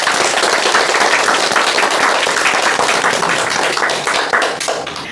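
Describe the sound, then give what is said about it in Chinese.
A group claps together in sustained applause for their own progress after practising a recitation of Du Fu's poem Spring View, a dense wash of many overlapping hand claps at steady loudness that thins slightly toward the end. No one speaks. “我们为自己的进步鼓鼓掌吧。”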